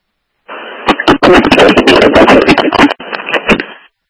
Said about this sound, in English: Okay, that was super unreadable. Can you repeat off of that? Okay, that's a bunch of static